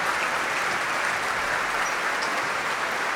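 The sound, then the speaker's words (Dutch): A sold-out audience in the Grote Zaal of the Concertgebouw applauds conductor Duncan Ward as he comes down the stairs and shakes the concertmaster's hand, a dense, steady wash of many hands clapping, loud and sustained throughout with no voices over it. “En daar is het applaus voor Duncan Ward.”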